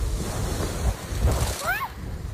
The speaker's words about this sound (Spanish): En Poliña de Xúquer, donde se registraron acumulados de 53 litros por metro cuadrado, según AEMET, soplaba así el viento en la tarde de ayer.